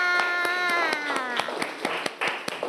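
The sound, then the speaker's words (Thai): Children clap for their classmates of group 5, sharp, irregular hand claps over a sustained tonal voice or singing that rises then fades, the claps growing more scattered toward the end. “ปรบมือให้กับเพื่อนๆค่ะ”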